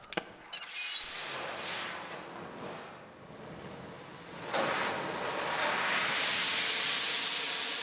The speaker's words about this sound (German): Machst mal Feuer an.